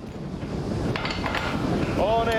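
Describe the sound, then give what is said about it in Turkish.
Strong wind rushes steadily outdoors at a tower construction site, a dense roaring hiss that buffets the microphone, with faint indistinct voices and a brief high whining tone near the end. “Ve rüzgar bu işi daha da güçleştiren bir unsur.”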